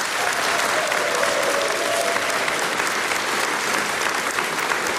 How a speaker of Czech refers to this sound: Dámy a pánové, velmi děkuji za krásný potlesk